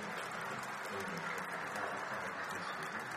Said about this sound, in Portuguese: Eu queria que você acolhesse com uma salva de palmas também, Frei.